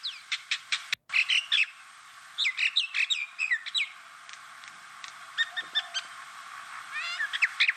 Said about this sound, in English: Is that familiar to you in the soundscape of southeast Queensland? That's quite nice. But if you know your birds, you'll know that sound is actually kind of nasty. That's the sound of the Indian minor bird, or common minor bird.